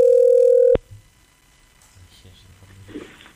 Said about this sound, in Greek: Έχουμε τηλέφωνο.